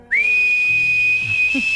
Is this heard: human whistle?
yes